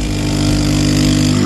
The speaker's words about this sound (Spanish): Esto de que invitarme un café sea poner un ruido de una cafetera. Cutre. Traeme un café de verdad, o sea, por una vez.